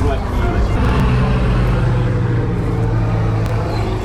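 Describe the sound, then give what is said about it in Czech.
A small, modern electric Phoenix airplane flies over people gathered at Jan Kašpar's family tomb in a town cemetery, with a loud, steady whirring drone and low humming tones that hold for several seconds, while indistinct voices murmur underneath. “Ty začaly pietou u Kašparovy rodinné hrobky na městském hřbitově, kdy nad hlavami lidí přeletělo malé elektrické letadlo.”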